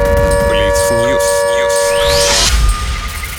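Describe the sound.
An air raid siren holds a steady, loud wailing tone with a voice announcing that the air raid alert continues and to stay in shelters, then sweeps upward in pitch and cuts off abruptly, leaving quieter background noise.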